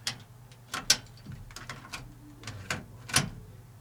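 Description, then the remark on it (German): A cassette being loaded into a tape player: a series of sharp plastic clicks and clacks at an uneven pace, with a low mechanical hum underneath and no voices. “Also ich mach mal an, ja, die Kassette jetzt hier.”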